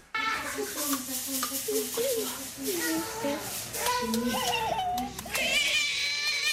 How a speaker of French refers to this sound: Bah, vous n'avez pas l'image, mais je vous la donne, un bébé tout heureux d'attraper ses pieds, de sucer ses orteils, ce qui démontre une certaine souplesse qu'on n'aura pas forcément quelques années plus tard.